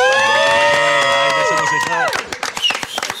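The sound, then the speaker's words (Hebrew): At the Yakir outpost, a crowd from the Nahal's 931 battalion lets out a loud, sustained cheer of many voices for about two seconds, which then breaks off into sharp, irregular clapping and scattered shouts. “אנחנו כאן עם 931, שיתנו עכשיו כפיים.”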